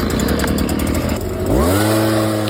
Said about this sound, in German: Es ist wieder Laubbläserzeit. In den Gärten läuft wieder die härteste Liga des Herbstes. Die Blätter fallen, der Nachbar lauert am Garten und irgendwo wird garantiert schon der Laubbläser eingewechselt.